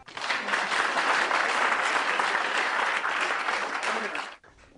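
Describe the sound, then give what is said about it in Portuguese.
A group of children claps together for everyone during a lesson on shapes, a dense, steady burst of applause lasting a few seconds, fairly loud, then it stops abruptly. No one speaks over it. “Palmas para todos.”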